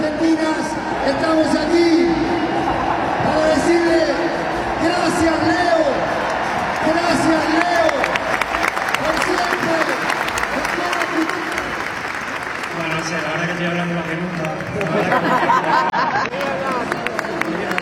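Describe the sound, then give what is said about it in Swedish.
A huge stadium crowd of about 85,000 roars and applauds continuously to thank Leo Messi at his last match with the Argentina national team, a dense wall of cheering with rising chants and whoops, and sharp crackling bursts of fireworks breaking through midway. “Och nu ska han tackas av här av de här 85 000 människorna som har samlats här på stadion.”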